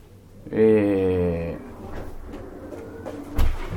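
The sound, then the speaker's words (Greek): A door swings with a loud, drawn-out creak of its hinges, then after some quiet shuffling it shuts with a short, muffled thud. “Θα κλείσουμε, ναι, λίγο την πόρτα για το μια που γίνεται απ' έξω.”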